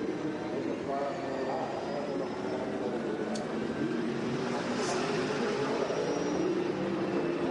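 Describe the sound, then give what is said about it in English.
A race car engine heard from onboard, droning steadily at low revs with no sharp revving as the driver nurses the car home to save fuel, a continuous rumble and whine at an even loudness throughout. “Well, he's certainly not going on full revs, is he?”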